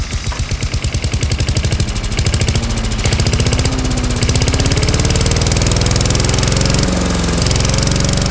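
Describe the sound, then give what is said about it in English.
A lawn mower engine, run by workmen mowing a lawn, runs loudly and steadily throughout, a rapid chugging drone with a rough, buzzy texture and a slowly rising pitch, with no voices over it. “I've just sat down to reuse my phone and listen to music, and the men come to do our lawn. And you get this.”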